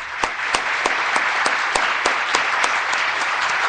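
Steady applause from an audience welcoming a guest from Mexico on a streaming show in Argentina, a dense crackle of clapping with a few sharper, louder claps standing out at regular intervals. No one speaks over it.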